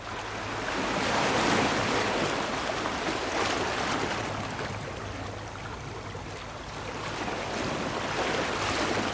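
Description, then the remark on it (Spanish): Ocean waves wash continuously onto a shore, a broad steady roar of surf that swells and eases slightly, with no voices present. “Y desde nuestro vergel sonoro miramos al mar en Noches en los Jardines de Radio Clásica.”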